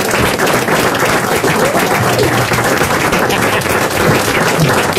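A crowd bursts into sustained applause, dense overlapping claps filling the whole stretch at a steady loud level, with a few faint voices mixed in underneath.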